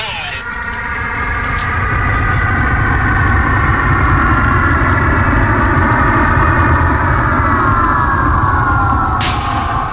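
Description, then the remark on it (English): A loud, steady engine roar of a plane that has landed runs through the whole stretch, a deep rumble topped by sustained droning whine tones that shift slightly in pitch, with a couple of brief sharp clicks. “Ah, plane na landed.”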